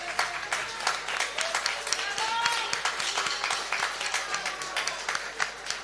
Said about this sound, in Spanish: gracias a alguén que non podido estar aquí hoxe, gracias a Miguel Anxo Varela, pido vos un forte aplauso para él, que desde a radio nos está escuchando oite.